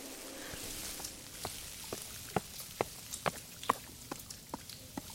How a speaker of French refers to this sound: La pluie tombe de plus en plus fort.